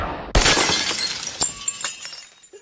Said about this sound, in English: He flicks the wand, shattering a vase.